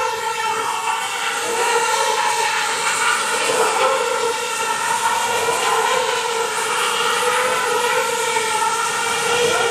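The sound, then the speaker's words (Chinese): Several drones in a drone light show take off together, two, four, then six lifting off, producing a loud, continuous buzzing whine whose pitch rises and falls in slow sweeps. The sound is steady, with no voices. “对，他起飞了。 两架、四架、六架起飞。”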